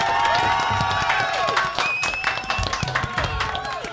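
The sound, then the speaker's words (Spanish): A studio audience applauds steadily and loudly, the dense clapping mixed with cheers and whoops from the crowd, sustained for the full few seconds with no pause. “Han jugado bien, lo han hecho chévere, pero así es la vida y se merecen un aplauso de todos nosotros.”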